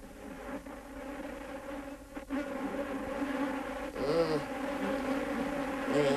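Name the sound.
bees buzzing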